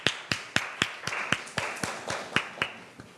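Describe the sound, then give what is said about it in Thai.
A classroom of students claps in unison, about a dozen sharp, even claps at a brisk steady beat of roughly four per second, with no talking over them. “ขอเสียงปรบมือให้เก่งหน่อยค่ะ”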